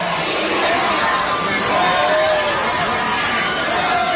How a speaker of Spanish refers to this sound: Los gritos se escuchan muy lejos. No sabemos si eran 10 los que le estaban gritando, eran 100, eran 1000, eran 3, no lo sabemos.